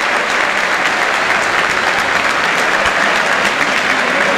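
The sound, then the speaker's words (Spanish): Sustained, dense applause from a large stadium crowd at a football penalty shootout as a goalkeeper steps up to take a penalty kick, steady and loud throughout, with a broad wash of clapping and no break in the sound. “Mirá el aplauso, escuchá el aplauso para Beltrán que va a patear, escuchá.”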